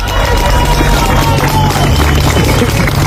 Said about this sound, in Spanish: Aplausos para celebrar un rescate después de 72 horas atrapado. Casi no lo esperaban.